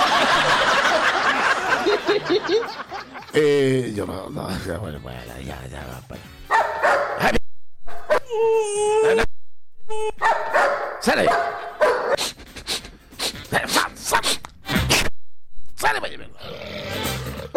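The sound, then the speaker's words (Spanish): A service dog of Chile's maritime authority (Directemar) barks and snarls in repeated, loud bursts as it reacts against a vice admiral, with agitated human voices and shouting mixed in around it. “Además, según el comunicado, la reacción del perro se debió a su edad.”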